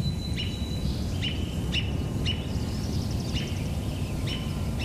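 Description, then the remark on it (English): A robin gives short, sharp call notes, about six of them at uneven intervals, clear over a steady low background rumble. “And the robin making call notes.”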